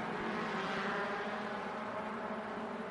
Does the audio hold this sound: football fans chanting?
no